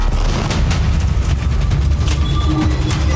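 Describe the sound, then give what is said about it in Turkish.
Heavy, continuous low rumbling with repeated deep booms from bomb explosions as Israeli warplanes bomb a civilian residential area in Deir el-Balah, Gaza, loud throughout, with sharp crackling bursts scattered on top and no voices. “İsrail savaş uçakları bölgeyi bombaladı. Saldırı anı kameralara da yansıdı.”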